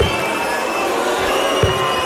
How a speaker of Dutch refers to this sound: Afgelopen weekend speelde hij in Amsterdam en waren er behoorlijk heftige fluitconcerten en was er boegeroep te horen.